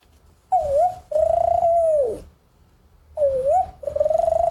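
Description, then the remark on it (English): A human voice imitates the coo of a spotted dove, an Australian bird: two short pairs of hollow, wavering hoots with a brief pause between them, fairly loud, with no other talking. “Spotted dove. That lives there, right? The spotted dove, yes.”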